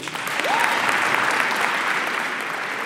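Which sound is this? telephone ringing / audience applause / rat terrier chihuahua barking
audience applause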